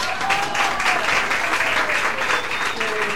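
Steady applause from an audience, given to a woman linked to teotherapy centres, fills the whole stretch, a dense, continuous patter of many hands clapping at moderate loudness, with no voices standing out.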